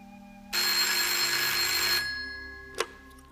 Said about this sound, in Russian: Большая приемная, в которой хозяйничает энергичная секретарша. Телефоны разрываются, секретарша едва успевает отвечать на звонки.